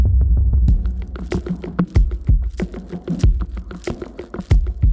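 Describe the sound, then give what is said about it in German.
A low throbbing pulse tapped on a desk opens, then gives way to a busy rhythmic beat of sharp percussive hits, steady and fairly loud, with no voices. “Dieser Puls, den habe ich irgendwie gefühlt. Und der geht dann ja in den Beat über.”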